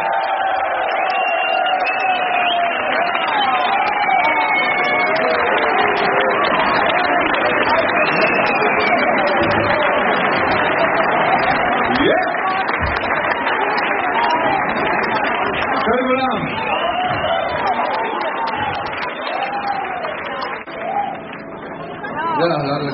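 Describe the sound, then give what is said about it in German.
A large audience applauds and cheers loudly and steadily for Sepp Herold at an anniversary concert, with whistles and voices rising over dense clapping that tapers slightly near the end. “Dieser Applaus für Sepp Herold!”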